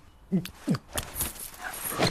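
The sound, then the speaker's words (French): A dog, told to fetch slippers, gives two short, whiny yelps in quick succession, followed by a stretch of rustling and scuffling noise with no clear speech. “Nelson, mes pantoufles! Oh là, abruti de chien.”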